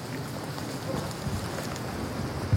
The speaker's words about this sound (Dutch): Staat hier een stevige wind. We lopen nu op het kale strandje.